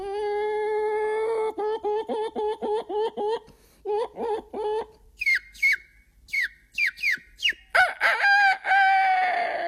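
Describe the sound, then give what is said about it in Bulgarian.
A voice imitates a hen, a chick and a rooster using only breath: a drawn-out note breaking into rhythmic hen clucks, then a run of high, quick chick peeps, and finally a loud rooster crow. “Моля ти се, направи го пак. Кокошка, пиленце и петел.”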